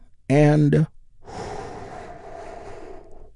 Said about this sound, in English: And we get things started by taking a slow, deep healing breath with me. Here we go.